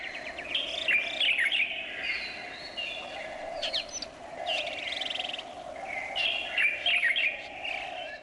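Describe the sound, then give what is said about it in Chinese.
A bird calls in two bursts of quick, high chirping phrases, with a pause between them, over a steady hum of background noise; no voices. “我们来听一个鸟的叫声。”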